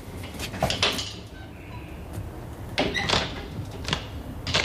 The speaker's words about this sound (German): Was treibt die denn da? Das hörst du doch. Da ist ein Schrank aufgebrochen. Und warum? Weil sie keinen Schlüssel hat, du Dussel.